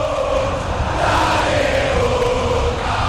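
A huge stadium crowd of Boca Juniors supporters at the Bombonera, during a match against Vasco, sings a sustained, wavering chant in unison, loud and steady for the whole stretch, with a dense roar of many voices and no single speaker.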